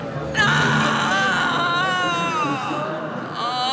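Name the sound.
eerie wailing scream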